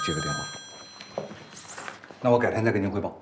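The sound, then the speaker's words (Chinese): A telephone rings with a steady electronic tone beneath a conversation between two men, the ringing fading out after about a second while the talking continues. “对不起，我接个电话。”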